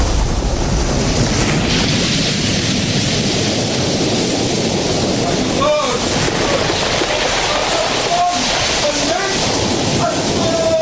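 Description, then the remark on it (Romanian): Waves of a calm sea wash steadily throughout, a continuous, fairly loud rushing surf with a few faint tonal sounds near the end. “Să mă grăbesc, dorm toți și marea e liniștită.”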